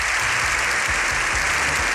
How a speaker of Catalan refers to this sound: Més de 7 minuts d'aplaudiments, aquests que sentim, dels aplaudiments més llargs que es recorden al Congrés dels Diputats, en una imatge inèdita d'un congrés que per un matí ha aparcat la discussió política.